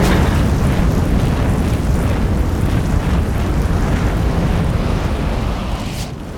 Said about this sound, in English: A truck explodes in flames and makes the squad jump back.